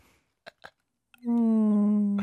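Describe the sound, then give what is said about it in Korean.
A voice imitates a mosquito with a loud, steady, nasal buzz held for about a second, preceded by two short breathy clicks and cut off by a brief sharp burst. “이게 좀 모기 같다.”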